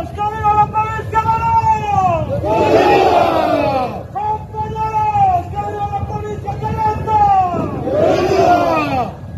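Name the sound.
protest crowd shouting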